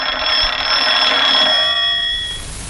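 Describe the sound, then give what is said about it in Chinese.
A telephone bell, a call for the regiment commander, rings loudly in one continuous metallic trill, then cuts off and decays away near the end, with no voices present. “哎，啊，团长电话。”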